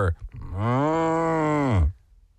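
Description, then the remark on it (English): A person imitates a cow in an animal-imitation game with one long, loud, drawn-out "moo" lasting over a second, rising slightly and then falling off, followed by near silence. “No, I said moo.”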